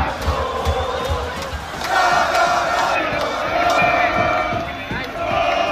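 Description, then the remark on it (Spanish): A large crowd celebrating the Spanish national team winning its second star cheers and shouts at the Puerta de Jerez in Seville, Spain, in a dense, continuous roar, with scattered whistles and yells rising above the steady wash of many voices, loud throughout. “Sonidos de la Puerta de Jerez en Sevilla que se han repetido en toda la comunidad, que desde ya presume de contar con tres andaluces que han logrado la segunda estrella para la selección española.”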